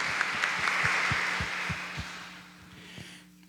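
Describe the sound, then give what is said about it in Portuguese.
Crowd applause welcoming everyone, including visitors from other cities, at a service of the São Domingos parish; a dense wash of clapping that fades out over a few seconds, with steady low thumps pulsing underneath. “Uma salva de palmas acolhendo a todos.”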